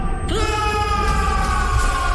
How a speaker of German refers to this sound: Sagt es mit mir gemeinsam. Befreit euch! Reißt ihn heraus aus den Tiefen eurer Seele, den Schmerz! Und lasst uns jetzt laut zusammen schreien!